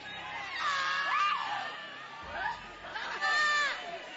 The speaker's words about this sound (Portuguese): Vão expulsando. Vão gritando para Jesus queimar ele.